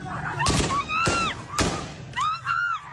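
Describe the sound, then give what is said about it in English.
Three sharp gunshots crack out about half a second apart, loud, as the Taliban use live fire to disperse a protest crowd in Herat, while people scream and shout in high, wavering cries throughout, the screaming continuing after the last shot. “Live fire is used to disperse the crowd, and people are seen being hit with rifles and long white sticks.”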